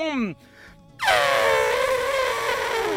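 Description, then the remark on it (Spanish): A person buzzes their lips to imitate an elephant's trumpet: a brief falling voiced sweep, a pause, then a loud, sustained brassy blare with a slowly descending pitch lasting about two seconds. “Y ahora, uno de elefante. ¿Cómo hacen los elefantes”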